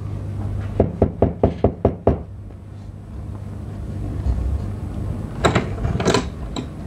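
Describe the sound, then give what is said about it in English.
A quick series of about seven firm knocks on a wooden cottage door, evenly spaced, followed by a pause and a couple of fainter thuds later, over a low steady background rumble. “I went around to Mrs. Merton's cottage. I knocked at the door.”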